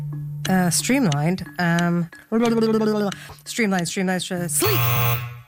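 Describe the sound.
A game show buzzer blares near the end, a harsh, steady electronic drone, while voices chatter and exclaim over a low constant hum throughout.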